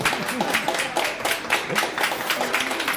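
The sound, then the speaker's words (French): A live festival audience at a comics festival in Lausanne applauds steadily, many hands clapping in a dense, continuous patter for about three seconds, with faint murmuring voices mixed underneath. “Bonjour à vous, foule en délire.”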